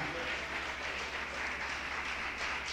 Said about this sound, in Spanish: Aleluya. Dale ese aplauso al Rey en esta mañana.